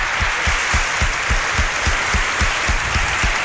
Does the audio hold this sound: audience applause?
yes